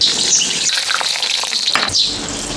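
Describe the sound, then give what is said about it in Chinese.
Bamboo worms, taken from inside bamboo stalks, deep-frying in a pot of hot oil to be eaten: a dense, steady crackling sizzle with brief bursts of sharper spattering and no voices. “竹子里面这个竹虫，那个竹子呢长得结结断腿了，就证明那棵竹子不健康了，就这个虫在里面，所以说我们用刀一砍开，它就长在里面，我们拿出来，拿来下一锅炸出来是很好吃。”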